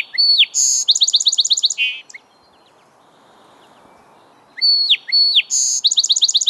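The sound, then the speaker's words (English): Male song sparrows sing from a woody thicket along a bank, bright, complex phrases of sharp opening notes followed by rapid trills, loud, with a quiet pause between two songs and no voices. “From a woody thicket along the bank, male song sparrows belt out their chorus all day long.”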